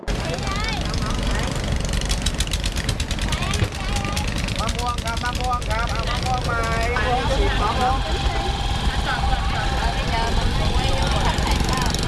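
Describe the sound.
A small boat engine idles with a steady low rumble throughout as small boats dock at a floating market where vendors sell produce, while several people talk over it in overlapping voices.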